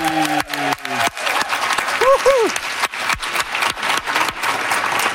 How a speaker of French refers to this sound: Applaudissez bien fort Laurent Duvernay-Tardif! Hey!